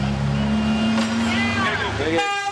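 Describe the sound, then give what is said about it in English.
Car and bus horns honk for cyclists in a dense street scene, one long steady low horn blaring alongside higher toots from other vehicles, with a bright burst near the end and crowd noise around. “People honking for bikes now. Even the bus.”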